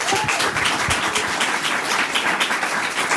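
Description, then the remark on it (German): An audience applauds steadily, a dense wash of many hands clapping at once, fairly loud and sustained for the whole stretch with no one speaking over it. “dann ein Applaus für Anna, bitte”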